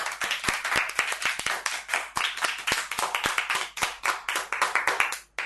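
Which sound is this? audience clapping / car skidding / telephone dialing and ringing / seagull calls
audience clapping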